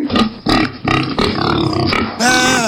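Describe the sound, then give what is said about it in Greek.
A person imitates a pig, letting out a quick run of loud, rough grunts and snorts. The sounds end in a drawn-out, squealing oink. “Θα αρχίσω να κάνω και τον τίγρη τώρα σε λίγο. Άντε μπράβο. Κάνει και το γουρούνι.”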